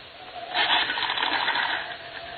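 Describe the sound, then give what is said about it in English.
A telephone being dialed to reach the operator and the police: a steady, rapid mechanical whirring and clicking that swells slightly and runs for about two seconds, with no voices. “I ran to the telephone.”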